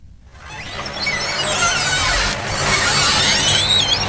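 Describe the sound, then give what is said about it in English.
A screen door at The Store, a small-town country store in Preston, Bath County, creaks open with a long, wavering squeal of its hinges, rising and falling in pitch for several seconds, loud and steady, with no talking. “For generations of older Americans, the sound of a screen door opening at a small-town country store can take them back in time.”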